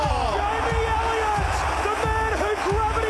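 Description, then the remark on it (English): A huge AFL football stadium crowd roars continuously, a dense, loud wall of cheering and shouting voices that swells slightly but never lets up across the few seconds. “Listen to the roar.”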